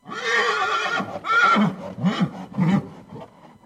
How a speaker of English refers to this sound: An Arabian Horse's Laughter on Mr. Ciupiński's Stud Farm.